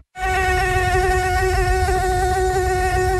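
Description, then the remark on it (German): A mosquito buzzes loudly in a steady, high-pitched whine, its tone wavering slightly as it hovers, continuing alone without any voices for about three seconds. “Mücken bringen Gesundheitsrisiken mit sich. Besonders die Tigermücke.”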